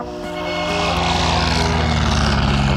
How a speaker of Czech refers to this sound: Motor naskočil. Dřevěná vrtule letadla typu Blériot 11 se otáčí.